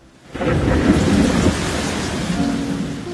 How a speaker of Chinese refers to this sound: 有一天，天空突然下起大雨，当大家狼狈地奔跑躲雨，只有她从容地撑开伞。